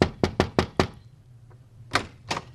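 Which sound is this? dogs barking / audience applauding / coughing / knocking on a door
knocking on a door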